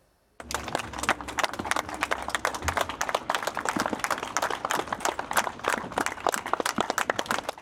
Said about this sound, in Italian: Lunghi applausi dei compaesani di Francesco Guccini hanno accompagnato l'uscita del feretro dalla corte esterna della casa.